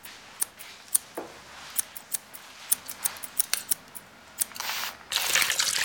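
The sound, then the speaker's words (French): Scissors snip and click in quick, irregular, crisp bursts at a hairdresser's, with no one talking. Near the end a steady hiss of rushing air from a hair dryer rises and covers them. “Tu entends les cliquetis des ciseaux?”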